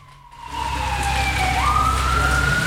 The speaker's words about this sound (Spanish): Carabineros. Patrulla de carabineros, alta velocidad por la calle Las Heras.